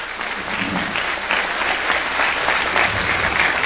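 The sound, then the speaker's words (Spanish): An audience applauds the Lord during an evening service, with sustained dense clapping from many hands at a steady loud level for several seconds and no voices standing out above it. “Aplaude al Señor en esta noche.”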